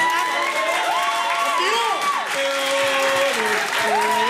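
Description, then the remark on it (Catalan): A crowd applauds steadily for a few seconds for a man who has been world champion four times, dense clapping with raised voices and cheers rising over it. “Feu un aplaudiment.”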